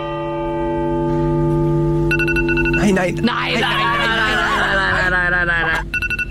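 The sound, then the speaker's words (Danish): A phone alarm rings out in a repeating bright electronic pattern over a steady background, while a crowd murmurs and stirs around it, during a minute of silence at a funeral. “Det er jo en telefonalarm, der går i gang.”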